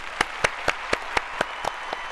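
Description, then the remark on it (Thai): Applause in the form of about eight sharp, evenly spaced hand claps in a steady rhythm, moderately loud over a faint background hiss, with no talking. “ข้อนี้ตอบถูกทั้งคู่เลยค่ะขอเสียงตบมือด้วยค่ะ”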